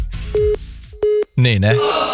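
A telephone call to a listener in Blunk, in the Segeberg district of Germany, rings through the line with steady, evenly spaced tone pulses that go unanswered, while a voice talks over the later part of the ringing.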